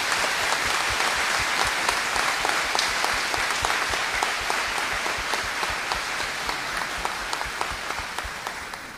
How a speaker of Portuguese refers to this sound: Então eu pedia, como sinal de acolhida, uma salva de palmas para todos eles.